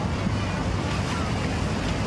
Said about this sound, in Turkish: Kentte 19 plajda denize girmek yasaklandı. Dev dalgalara rağmen İnkum'unda suya girenler sürüklendi.